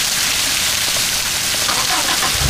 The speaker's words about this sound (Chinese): 大哥，哎，下雨了。